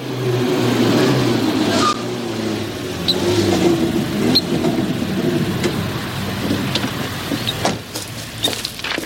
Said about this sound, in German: Ein Auto kommt!